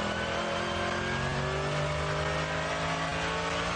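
A racing car engine roars loudly and steadily throughout as the car runs off to the right in light fog, its sustained mechanical drone shifting slightly in pitch, with no voices present.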